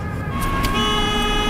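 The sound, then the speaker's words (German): A truck horn blares in a sustained, loud honk over rumbling road noise, with a couple of brief bright bursts as the vehicle goes by. “Ein LKW, da liegt er.”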